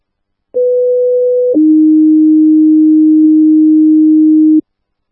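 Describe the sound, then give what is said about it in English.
Two-tone dispatch paging alert for a medical call: a steady higher tone held for about a second, then a lower tone sustained for roughly three seconds, loud and clean with no voices. “437 McFall Court, stand by for tones.”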